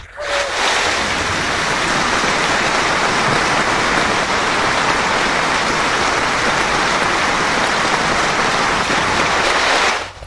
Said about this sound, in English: Middlesbrough fans have held a minute's applause to pay tribute to two police officers killed in a head-on collision last weekend.